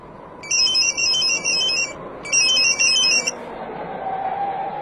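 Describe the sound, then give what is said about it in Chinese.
A telephone rings twice, each ring a bright, warbling electronic trill lasting about a second or more, over a steady low rumble that continues after the ringing stops. “但是快到高威家的时候，一个电话打乱了苗镇原有的计划。”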